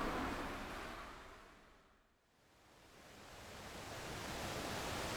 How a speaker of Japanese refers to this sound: さあ赤い紫陽花橋の近く、川のほとり、ちょっと日陰に入ってまいりました。あ、川が涼しげですね。